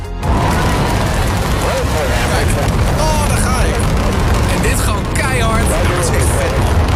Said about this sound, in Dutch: Ja, ik kijk af en toe dus een Space Shuttle lancering op mijn bank. En dan doe ik dus de audio vol. Volledig. En dan, dan is het net alsof je zelf de lucht gaat.